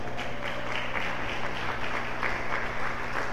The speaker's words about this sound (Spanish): A su nombre, un aplauso para el Señor.